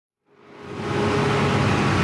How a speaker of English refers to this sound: It's noon on a Tuesday in my neighborhood in Bogota. Garbage bags line the streets, and you can hear the garbage truck coming down the hill.